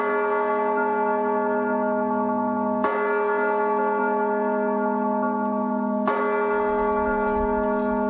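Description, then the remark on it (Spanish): Church bells rung by hand in the traditional Spanish manual style toll three times at slow, uneven intervals, each strike blooming into a loud, rich ringing hum that lingers between blows. No voices. “la UNESCO inscribió el toque manual de campanas en España en la lista representativa del patrimonio cultural inmaterial”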